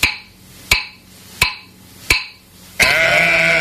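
Four sharp, evenly spaced knocks ring out, then a loud sheep bleat takes over and holds steadily to the end. No one speaks.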